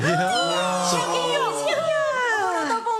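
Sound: calf mooing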